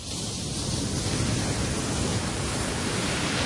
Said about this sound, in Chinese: 在大热天时的时候咧，听下呢啲海浪声咧，都有种好凉快的感觉啊！